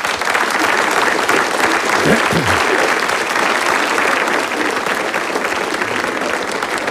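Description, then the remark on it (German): Sustained applause from an audience fills the whole stretch, a dense steady clatter of many hands clapping at once, loud and even with no single claps standing out. “Wir müssen jetzt nicht jedes Mal klatschen, wenn Sie was verstanden haben.”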